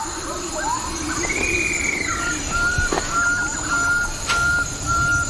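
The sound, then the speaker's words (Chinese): Bird-of-paradise calls: a drawn-out whistled note, then a series of short, clear, mid-pitched whistles repeating over a steady hiss of background noise, with no talking. “最美丽的还要数极乐鸟。”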